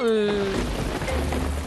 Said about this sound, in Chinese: 奇怪，怎么下雨了？这雨是怎么回事？